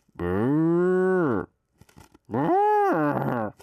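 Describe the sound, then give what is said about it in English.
A person imitates a cow with two long, loud, drawn-out moos, the first low and steady, the second rising then falling in pitch, separated by a short pause. “This is my cow sound.”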